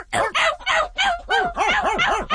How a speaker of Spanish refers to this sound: Los perros a ladre y ladre.